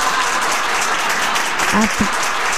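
Steady, dense crowd applause fills the whole stretch, a continuous wash of many hands clapping at even loudness, with a brief voice or shout rising through it near the end.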